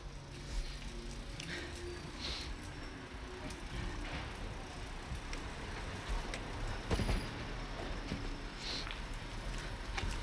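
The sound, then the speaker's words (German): Steady city traffic rumbles on Boulevard Saint-Germain in a shared bus-taxi lane where taxis often drive fast, with cars and larger vehicles passing continuously and a brief louder swell midway; no one speaks. “Hier teilen wir eine Bus-Taxi-Spur und die Taxis auf der Busspur fahren oft schnell.”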